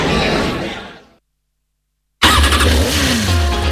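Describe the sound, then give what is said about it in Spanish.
A loud motorcycle engine roars in a radio advert for Motos Lorga, a motorcycle dealership in Monte Alto, A Coruña, fades away into about a second of silence, then bursts back in and revs up with a rising, climbing whine. “Motos Lorga, tu concesionario de motos en Monte Alto.”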